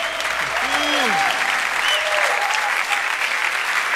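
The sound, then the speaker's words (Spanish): Steady, dense applause from a large group, given to the Lord on the Christian station Radio Voz de Dios en las Alturas, fills the space, a continuous wash of clapping with a few voices calling out over it. “Aleluya, dale más fuerte ese aplauso al Señor, aleluya.”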